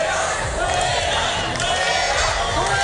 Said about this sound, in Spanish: Son los abucheos a la ministra de Seguridad Social y de Migraciones, la señora Alma Sáiz, que ayer se encontraba en Melilla con motivo del Día de Melilla. Los ministros son reprobados allá por donde pasan.